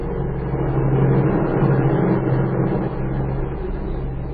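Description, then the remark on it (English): A steady, droning airplane engine of a plane in flight, tail-heavy with extra gasoline, hums continuously with a low, even rumble and faint harmonic whine, holding a constant pitch and loudness, with a slight dip near the end. “She waited until she was sure the plane was over the border.”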